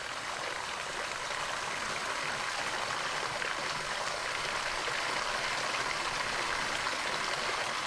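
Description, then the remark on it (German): Steady running water trickles and splashes continuously into the water basin of the Goa Gaja temple in Bali, a constant bright babbling wash with no pauses and no voices. “Das Wasserbecken von Goa Gaja, der Mittelpunkt eines der wichtigsten Tempel von ganz Bali.”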